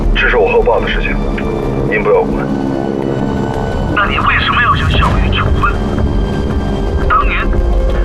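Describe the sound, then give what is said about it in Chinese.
A steady, low engine drone of an airplane in flight fills the whole recording, rumbling continuously beneath intermittent radio-like speech from a voice that comes and goes over it. “你开这个飞机是想去撞山吗？”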